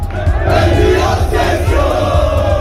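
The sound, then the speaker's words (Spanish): A dense crowd of Málaga football fans roars and chants together in the early morning at Málaga airport, welcoming the team, a loud, sustained wall of cheering voices with rhythmic swells and no break throughout. “Así recibía la afición al Málaga hace apenas unas horas esta madrugada en el aeropuerto malagueño.”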